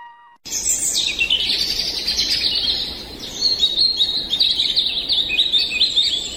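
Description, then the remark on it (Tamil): Birds chirp and twitter continuously in the Uvavanam flower garden over a soft outdoor background, several bright overlapping calls trilling after a brief silent start, with no one speaking. “இங்கே பார், பூச்செடிகளின் அழகும் பறவைகளின் ஒலியும் வண்டுகளின் ரீங்காரமும் மனதுக்கு எவ்வளவு விதமாக இருக்கிறது பார்.”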